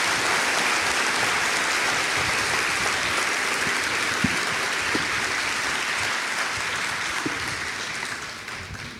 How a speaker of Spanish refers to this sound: Dale un aplauso a ese Dios todopoderoso.